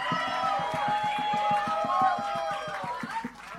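An audience responds with steady, rhythmic clapping or stomping beating a quick even pulse, while sustained cheering voices ring out over it for several seconds.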